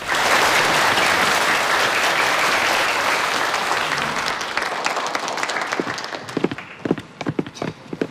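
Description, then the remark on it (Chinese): A large audience at a competition applauds loudly for the Binhai University of Science and Technology 100-kilowatt project, a dense wash of clapping that thins out over several seconds into scattered, individual claps near the end. “好的，从现场的掌声呢，我们已经可以感受到了滨海科大的项目得到了众人的认可。”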